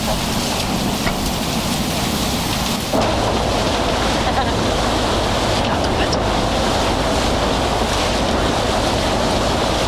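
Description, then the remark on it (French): Aboard a passenger shuttle boat at sea running from L'Estaque to the Old Port of Marseille, France: a loud, continuous rush of water and spray over a low engine rumble, with wind buffeting throughout and no break in the noise. “Ça, c'est le bateau qui mène de l'Estac au vieux port de Marseille. La navette.”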